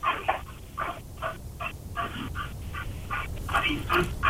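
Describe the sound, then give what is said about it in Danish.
A dog named Jensen pants into a telephone mouthpiece beside a caller, a steady run of quick, breathy huffs repeating about three times a second, muffled and thin as if heard down a phone line. “Har du en hund, der står og puster i røret ved siden af?”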